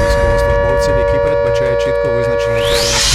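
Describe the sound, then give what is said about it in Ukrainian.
An air raid siren sounding an air raid alert holds a loud, steady wailing tone, with a muffled voice underneath and a rising sweep near the end. “Увага всім, повітряна тривога.”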